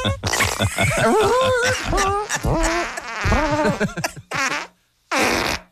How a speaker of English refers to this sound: When the fart stops, the timer stops. Wow. Wow. That's a good one. Yikes. Like a trumpet.